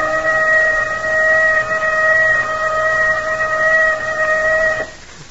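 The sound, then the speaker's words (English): A loud alarm whistle blows one steady, unwavering high tone for nearly five seconds over a low rumbling background, then cuts off abruptly. “There's that whistle.”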